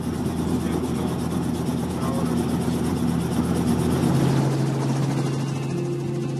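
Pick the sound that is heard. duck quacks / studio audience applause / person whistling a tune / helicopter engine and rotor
helicopter engine and rotor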